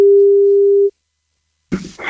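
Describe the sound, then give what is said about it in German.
A single telephone ringing tone during a Radio Bob phone-in giveaway of Wacken Open Air tickets, one steady electronic beep lasting about a second, then a pause of silence before a loud voice suddenly breaks in shouting 'Wacken' at the end. “Denn nur wer richtig laut Wacken ins Telefon schreit, wenn's klingelt, gewinnt.”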